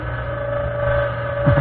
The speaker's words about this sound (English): Yes, the U-boats are there. There is laughter beneath the sea. Illustration, the interior of a Nazi submarine.